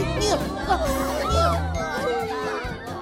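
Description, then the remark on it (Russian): A noisy commotion of many children on a playground, boys scolding a girl and some girls crying, their high voices shouting and chattering over one another, a steady overlapping din for the whole stretch. “На детской площадке начался шум. Мальчики ругали Эмили, некоторые девочки плакали.”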